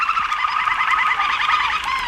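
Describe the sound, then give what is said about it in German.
A dense, continuous chorus of high, rapid warbling and trilling birdsong from singing canaries fills the whole stretch at steady volume with no talking. “Und hier sind diese Gesangskanarien im Hintergrund.”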